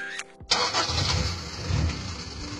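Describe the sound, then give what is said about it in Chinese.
A 10-year-old car engine cranks with a brief whine, then catches with a sudden burst and settles into a steady, low, rough rumble that carries on to the end. No one speaks. “对嘛，像我这种10年老车妥妥的该退居二线了，超龄上岗有安全隐患，更何况咱们这不是单纯退休，是再就业。”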